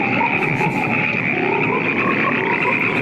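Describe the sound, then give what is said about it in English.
A dense chorus of frogs croaking steadily and loudly all at once, an overlapping wall of calls with a buzzing, trilling texture and no voices. It is from the trailer for the film Frogs, where an old man is surrounded by frogs that may actually be toads. “ending the movie in the trailer with the old man just getting surrounded by frogs”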